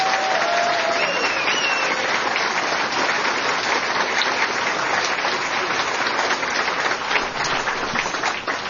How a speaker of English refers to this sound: And so another round of applause for April Fournier.